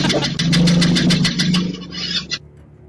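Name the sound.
car engine revving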